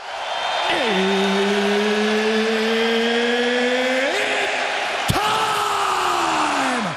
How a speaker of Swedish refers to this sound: Ja, så brukar det låta när de största matcherna drar igång under de populära galakvällarna som anordnas av UFC. Förkortningen står för Ultimate Fighting Championship och kan liknas vid andra amerikanska sportligor som NHL, NFL eller NBA.